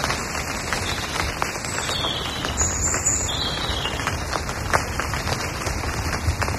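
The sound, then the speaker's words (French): Steady rain patters onto a carpet of dried leaves, now wet, in a forest: a dense crackle of countless drops with sharper individual hits, while thin high-pitched bird calls carry on faintly behind it. “Une pluie, la pluie en forêt, tu vois.”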